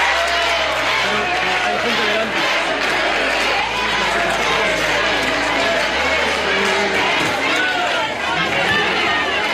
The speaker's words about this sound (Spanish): fue recibido con división de opiniones entre aplausos y gritos de guapo y también abucheos.